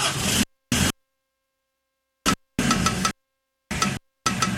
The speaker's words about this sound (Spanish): ¿Tiene un ruido en el tren delantero? No permitas que se quede.